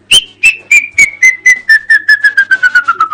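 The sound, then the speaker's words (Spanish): A person whistles an imitation of a rufous hornero's call: a loud run of about eighteen sharp notes that speed up and slide steadily downward in pitch, with no talking. “Un hornerito en plena siesta.”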